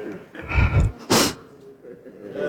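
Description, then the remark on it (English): A single sharp sneeze bursts out, preceded by a quick inhaling build-up, then fades into a quiet background. “Oh, bless you.”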